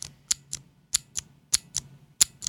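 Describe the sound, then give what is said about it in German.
Crisp, clicky Cherry MX Blue mechanical keyboard switch pressed repeatedly, clicking on actuation but not on release, about seven sharp clicks in a steady uneven rhythm, distinct, with a faint low hum underneath and no talking. “das kennen die meisten Leute, das sind die klassischen MX Blue von Cherry zum Beispiel.”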